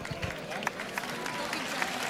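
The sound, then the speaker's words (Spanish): A bullring crowd at a mounted bullfight applauds the rejoneador's work after his missed thrusts, a steady, dense wash of clapping with a few sharper claps standing out, holding at an even level for the whole two seconds. “El público aplaude la labor, el aliento del respetable.”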